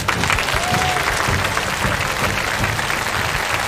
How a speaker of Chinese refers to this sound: 好，到这儿康老师的四幅画就完成了，我们掌声送给康老师，辛苦了。